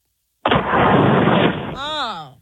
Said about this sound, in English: Get the gizmo. No, no. Get the doohickey up. Let's blow into the phone right now.